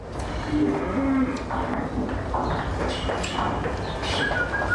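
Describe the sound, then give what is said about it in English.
Many dairy cows in a herd of 500 moo and low together as they are moved from their field to the milking parlour, filmed live on the BBC's Moosecast webcam. Overlapping low calls over a steady background rumble, with a few faint bird chirps. “This is following in real time with a webcam a herd of 500 cows being moved from their field to the milking parlour”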